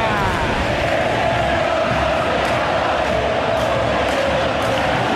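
A dense stadium crowd of Racing football fans inside El Cilindro, at a Racing versus Boca match, chants and roars continuously, a loud, sustained wall of voices with a rhythmic sung quality and occasional sharp accents rising above the din.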